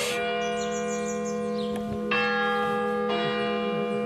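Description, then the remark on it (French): A village church bell, which rings every quarter hour, rings out loud, struck three times at uneven intervals, each stroke blooming into a long, humming resonance that hangs in the air. No one speaks. “Voilà, la cloche sonne tous les quarts d'heure.”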